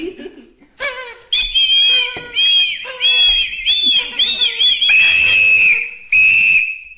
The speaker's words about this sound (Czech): Je to mluvící, rozvinovací a zavinovací jazyk. Zkus ho. Na co to je? Strč to do pusy a foukni do toho. To se mi líbí!